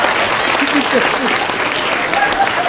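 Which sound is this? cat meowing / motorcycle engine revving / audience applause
audience applause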